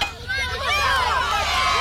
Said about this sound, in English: The crowd went wild.